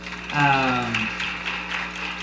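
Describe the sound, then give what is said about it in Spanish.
Steady audience applause, a dense wash of many hands clapping for a couple of seconds, with a short sustained voice, like a cheer or called-out note, rising over it near the start. “Creo que es digno de aplaudir, hermanos.”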